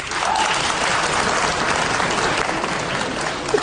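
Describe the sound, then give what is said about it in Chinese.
A large audience at a crosstalk (xiangsheng) comedy performance applauds steadily, a dense, continuous wash of clapping that stays loud and even for a few seconds, with no voices over it. “反正现在啊，给我鼓掌的朋友保证您回家24小时之内发财100万。”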